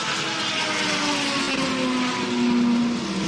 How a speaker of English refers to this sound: No tires for him as well. It's just fuel going in as it continues to get loaded in. Engine fires up and off and away Toby goes once again.